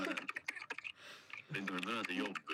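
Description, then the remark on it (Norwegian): Quick, uneven clicks of typing on a computer keyboard by a person at work, followed by the person talking while faint key taps continue underneath. “Ja, jeg er på jobb, så det er litt tasting her.”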